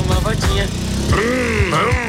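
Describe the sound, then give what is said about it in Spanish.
A brand-new motorcycle with zero kilometres runs loud, its engine throttled up in two rising revs that climb in pitch and settle back between bursts. “Hágame el favor, encienda esa motocicleta. ¡Ah! ¿Cómo suena de linda esa motocicleta? Ahora acelérela.”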